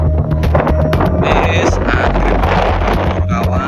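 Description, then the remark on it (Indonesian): Strong wind roars and buffets the microphone steadily, a loud, constant rumbling rush with gusty surges throughout, forming a dust devil during a savanna fire at Lembah Watangan (Bukit Teletabis), Mount Bromo, East Java, on a Saturday afternoon. Faint voices may be buried underneath. “Angin kencang juga membentuk pusaran debu atau dust devil sehingga asap terlihat berputar dan bergerak cepat”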